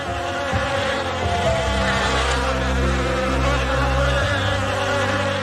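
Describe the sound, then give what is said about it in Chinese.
A steady, dense buzzing of many Chinese honeybees in the Shennongjia mountains of China, a continuous droning hum with overlapping wingbeat tones and no voices. “地形复杂，气候多变，植物栖息多样的山区，为中华蜜蜂提供了赖以生存的家园。”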